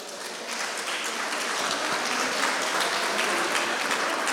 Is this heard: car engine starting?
no